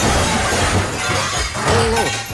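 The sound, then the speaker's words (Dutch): A loud, sustained crash of shattering glass and breaking debris, with crunching, clattering bursts throughout, as a car drives into the studio of a local radio station from Den Helder in 2020 while a man is broadcasting, with no one talking. “En op een gegeven moment rijdt er een auto zijn studio binnen.”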